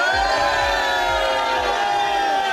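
A large crowd in Bayersbronn, Germany, each person holding a light, cheers and shouts loudly and steadily on cue for a radio broadcast, a dense roar of many voices, with regular low thumps pulsing underneath about twice a second, like rhythmic stomping.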